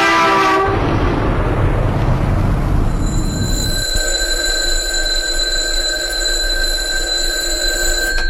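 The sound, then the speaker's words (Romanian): An alarm clock rings at 3 a.m. with a steady, piercing high-pitched tone that holds unbroken, following a few seconds of loud rushing, rumbling noise. No one speaks. “Deșteptătorul.”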